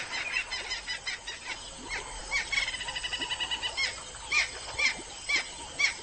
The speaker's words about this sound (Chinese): 河马的吵嚷声似乎并没有影响到附近的驴羚。